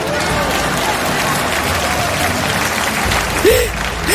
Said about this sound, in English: Then, go ahead, clap.